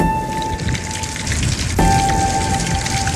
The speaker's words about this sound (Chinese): 晒凉最怕下雨，眼看着雨水不期而至